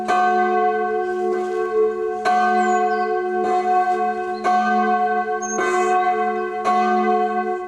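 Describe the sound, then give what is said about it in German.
A full peal of four church bells rings loudly and steadily for a church service or celebration, the bells striking in overlapping succession with rich, sustained tones and no voices. “Zu Gottesdiensten und besonderen Feierlichkeiten erklingt dann natürlich das komplette Geläut aus 4 Glocken.”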